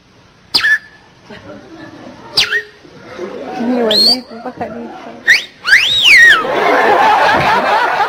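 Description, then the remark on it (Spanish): A person whistles short, chirpy, sliding notes in a playful bird-like pattern, several quick bursts with pauses, mixed with breathy vocal sounds and a rushing, noisy stretch at the end. “hasta que llega una pajarita y se pone en la rama de su árbol, dijo el pajarito, y la pajarita toda coqueta le comienza a silbar, ¿no?”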